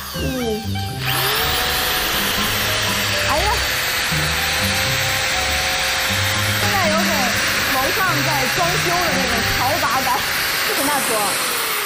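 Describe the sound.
A steady, high-pitched electric drill whine runs throughout, with a dense hiss and scattered squeaky tones as the bit works into a radish; a voice murmurs faintly underneath.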